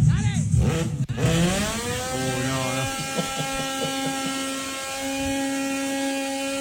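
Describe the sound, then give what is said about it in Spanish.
MotoGP racing motorcycle engines rev with quick rising and falling pitch sweeps, then settle into a loud, steady, high-pitched buzzing whine that holds for several seconds. “MotoGP, che.”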